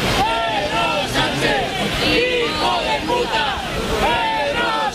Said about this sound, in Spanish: Son las lindezas, los cánticos, los abucheos al presidente del gobierno de los que se autoperciben como muy patriotas, que han decidido que tienen a bien lanzar estos cánticos contra la persona que representa a la presidencia del gobierno de España